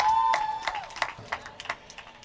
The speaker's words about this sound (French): Parole du Seigneur notre Dieu. Avec des acclamations bien entendu.